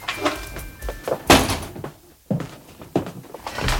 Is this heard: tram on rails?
no